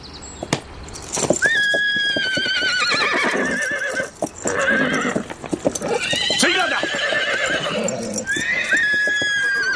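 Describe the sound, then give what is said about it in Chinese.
A horse neighs repeatedly in shrill, wavering whinnies while hooves clip-clop steadily underneath, with a brief spoken line from a man partway through. “卫青初来乍到，这匹马恐怕有点认生。”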